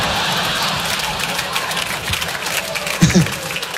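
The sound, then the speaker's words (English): A crowd applause sound effect: a dense, hissy patter of many hands clapping at once at an even level for several seconds, with a brief louder low thump near the end. “Thank you, crowd.”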